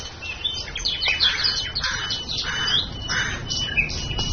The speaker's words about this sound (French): Vous marchez en forêt. Les oiseaux chantent, les feuilles bruissent.